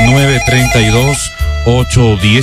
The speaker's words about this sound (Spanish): Habilitamos ya mismo las líneas telefónicas porque el teléfono empezó a sonar.